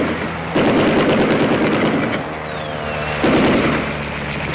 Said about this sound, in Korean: 아침부터 저녁까지 적기 수십 대가 날아다녔다. 비행기는 나무 끝을 스칠듯이 득이 양양하게 날면서 폭격과 사격을 퍼부었다.